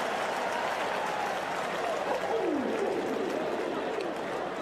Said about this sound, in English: That's the biggest cheer of the night.